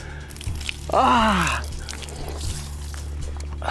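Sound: water being poured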